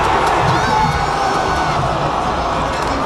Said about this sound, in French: On entend une foule déçue rassemblée à la maison de Canada Soccer du côté de Toronto.